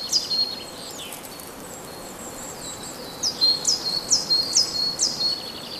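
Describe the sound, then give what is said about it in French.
Birds chirp and twitter outdoors, with a run of repeated high, bright calls in quick rhythm near the end, set against a steady soft background hiss of open countryside. “qui est le garde-à-manger des oiseaux qui gazouillent aux alentours.”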